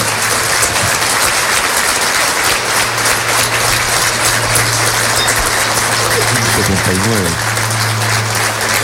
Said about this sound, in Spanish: Le solicitamos al público presente brindarle un aplauso en memoria de Waldo Barrera. Muchas gracias.